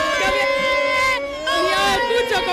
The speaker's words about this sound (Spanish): Bueno, aquí ya de todo, aquí la gente, estoy metida en corrillos, la gente no para de tirar copas, de gritar, de bailar.